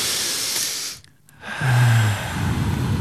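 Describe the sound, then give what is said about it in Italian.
A deep, audible breath drawn in after a count of three, a brief pause, then a long breathy exhale with a slight voiced sigh, fairly loud, with no talking. “Adesso al mio tre, un bel respiro.”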